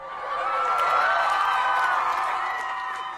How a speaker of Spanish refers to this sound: Un aplauso enorme, enorme, enorme, enorme a esta gente que siempre